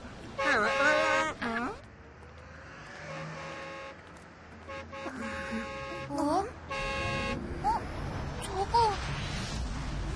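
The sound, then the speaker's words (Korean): Loud, wavering honks like a car horn or alarm come in several separate bursts with short gaps between them, bright over a low background hum. “자동차 같은데?”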